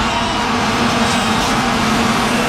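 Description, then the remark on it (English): A loud, unbroken drone of many vuvuzela horns blaring together on one low buzzing pitch, like a swarm of bees, over a dense wash of crowd noise for the whole stretch. “they are being banned because, well, if you've never heard one before, they're really, really loud. Sound like bees or wasps, but those are all those little horns.”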